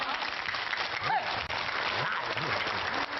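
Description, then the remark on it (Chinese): Sustained crowd applause fills the whole stretch, a dense steady patter of many hands clapping with a few faint voices and a brief whistle-like tone underneath, as the audience claps at a performer's request before he sings a piece of opera. “大伙儿鼓鼓掌，我给您唱段戏怎么样？”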